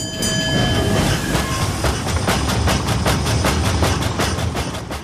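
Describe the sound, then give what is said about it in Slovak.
A small steam train leaving a town gives a drawn-out, multi-toned whistle that fades as steady, rhythmic chuffing and wheel clatter take over, loud and continuous with no voices. “Malý vláčik práve opúšťal toto mesto. Mašina ťahavo zapískala a čierny dym z jej komína stúpal k oblakom.”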